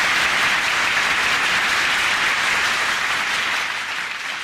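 A crowd applauds for a Toyota manager, a dense, loud wash of many hands clapping that holds for several seconds and eases only slightly toward the end, with no voices heard.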